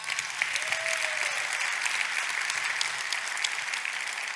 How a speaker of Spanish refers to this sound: Dar un aplauso a Cristo.